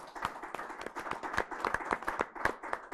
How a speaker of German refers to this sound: Ich darf Sie bitten, dass wir alle mal und vor allem dem Team an den Kameras und hinten, dass wir denen einen herzlichen Beifall für den Anfang geben.